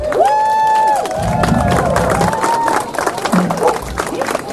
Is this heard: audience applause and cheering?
yes